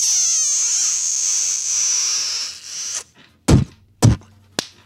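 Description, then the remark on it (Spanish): A radio show sound effect sent to listeners, a kiss with spit and a spank: a long, high, squeaky smooching kiss lasting a few seconds, followed by three sharp, loud spanking smacks in quick succession. “¿Le puedes mandar, por favor, un beso con escupida puerca y nalgada a Toque Pérez y a Ricardo Cureño?”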